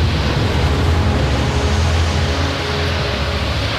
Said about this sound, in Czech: Takové vlnobití jsem si nedokázal ani ve snu představit, pane Hawkinsi. A vítr sílí každým okamžikem.